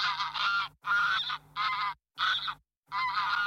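A goose honks loudly, five harsh, nasal bursts in quick succession separated by brief pauses, with no voices present.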